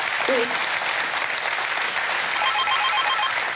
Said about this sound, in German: Der Applaus geht nach Nienhagen.